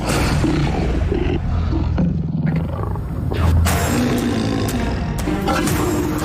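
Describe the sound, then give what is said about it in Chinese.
Male lions roar and growl in deep, rumbling bursts, loud and continuous throughout, with several overlapping snarls and grunts from a group of lions preparing to feed on a large carcass. “我们可能在最危险的地方了，身边一群雄狮正准备进食。”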